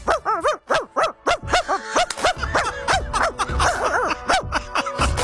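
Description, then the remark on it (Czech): A woman imitates a chihuahua's yappy barking, a quick series of high, sharp yips, starting as separate bursts and then running together into a busier, continuous stretch. “velký právě mi jdou hůř, já mám nejlíp ty nejmenší, jo, já mám skvěle čivavu, to pak čivavy koukají, kdo to štěká.”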